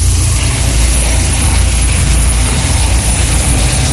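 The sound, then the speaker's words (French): A SAMU medical helicopter roars overhead at the Z bend, climbing toward the north exits of Salazie, its rotor chopping in a steady, loud low-frequency throb that fills the whole stretch without letup, with no voices. “L'hélico du SAMU qui passe actuellement au niveau du tournant Z et qui continue sa montée donc direction les sorties nord de Salazie.”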